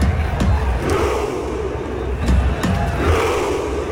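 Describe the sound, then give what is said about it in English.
A large crowd of Norwegian fans at the World Cup chants in unison in a dense, roaring wash of voices, doing their rowing chant, with sharp rhythmic shouts punctuating the noise every second or so, like a rowing-stroke cadence. “my other favourite is the Norwegians when they do their row chant”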